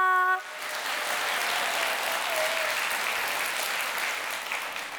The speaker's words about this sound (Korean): 첫 번째 무대라 많이 긴장되었을 텐데도 멋진 무대를 보여준 홍서윤 친구에게 다시 한번 큰 박수 부탁드립니다.